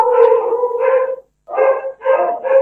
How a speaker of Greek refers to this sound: Καλώς τα λοιπόν τα σκυλιά για τα οποία μιλάγαμε πρώτα. Είναι η ώρα που θα ταΐζουμε. Δεν πειράζει, επιστρέφει η φύση. Έχουν ένα εσωτερικό ρολόι μέσα.